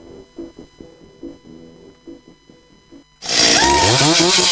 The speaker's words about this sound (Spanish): Oye, papá, ¿esa motosierra es agrícola, ocasional o profesional?